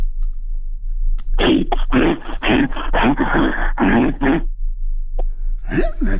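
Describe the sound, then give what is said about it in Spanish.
A person imitates a bear in a contest with a loud, rough run of growling, huffing bursts lasting about three seconds, then a short grunt and a final rising snarl. “Pues mira, no sé si se parezca a oso, pero animal sí pareces.”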